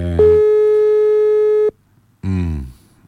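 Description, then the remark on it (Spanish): A steady electronic phone tone from a WhatsApp call over a speakerphone holds for about a second and a half, loud, then cuts off before a voice begins talking. “Eso es lo que estamos intentando, estamos llamando, pero no sé si nos va a contestar.”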